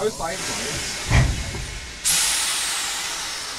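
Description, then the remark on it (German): A steam locomotive hisses steadily while its brakes and pressure gauges are checked before departure, with a short dull thump midway, then a sudden loud burst of venting steam or air that keeps rushing to the end. “Ich muss jetzt noch an der Lok die Bremsen überprüfen, den Manometer alle überprüfen, damit das alles funktioniert.”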